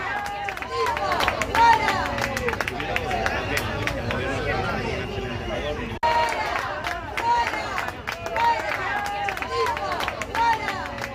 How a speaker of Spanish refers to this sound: Gritos de fuera, fuera, cuando se producía esa llegada del presidente del Gobierno, Pedro Sánchez,